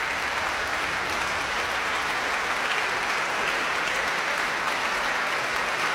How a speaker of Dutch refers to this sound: Bravo geroep hier. Voor het prachtige trio.